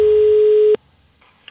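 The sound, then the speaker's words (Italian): A single loud, steady telephone line tone from a recorded prank phone call being played back holds one flat mid pitch for under a second, then cuts off abruptly, leaving near silence broken by a couple of faint clicks. “Ci sta ogni tanto cazzeggiare così con solo dei versi, tipo vi faccio sentire questa telefonata, la prima, a me fa morire.”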